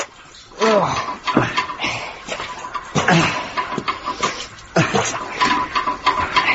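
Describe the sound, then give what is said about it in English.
Several wet, squelching plunger strokes work at a urinal clogged with chewing gum, each a sudden gurgling, sucking burst of water. The bursts come in an uneven rhythm and sound fairly loud. “We're clearing a urinal. Not getting into nuclear blinking waste. Yeah, but I might get some splashes up my arms. Oh, get on with it, lad. Ready? Plunge.”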